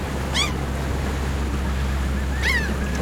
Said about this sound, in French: éteignit la télé et regarda par la fenêtre les vagues déferler sur la plage toute proche.